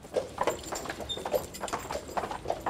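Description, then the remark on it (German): Steady clip-clop of horse hooves on a hard surface as horses pull a beer delivery cart in OWL, a quick regular rhythm of sharp knocks with a faint rolling rumble of wheels underneath and no voices. “der letzte Bierkutscher in OWL.”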